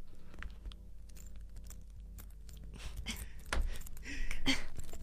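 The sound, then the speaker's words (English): Fiddly clicking and small metallic handling noises, someone fumbling with a watch or bracelet clasp, with irregular taps that grow a bit busier and louder toward the end. “You struggle to fasten your watch or bracelet.”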